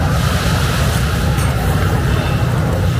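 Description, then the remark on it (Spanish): Water washes steadily against a harbor shoreline at Liberty State Park in Jersey City, New Jersey, with a constant low rumble, probably boat engines or wind, and a dense, even wash of noise with no distinct breaking waves. “Gente viajera, hoy te mando la postal sonora desde una orilla.”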